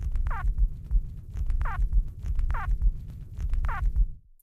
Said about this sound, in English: This vocalization was also produced only during nest emergence, and it sounds a little bit like a squawk or a squeak or a squibble.